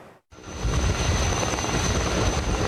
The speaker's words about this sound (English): Helicopters loaded with water raced to contain a wildfire northwest of Athens for a fourth day on Monday, August 3rd, after strong and erratic winds helped to devastate homes, pine forests, and thousands of hectares of farmland, forcing evacuations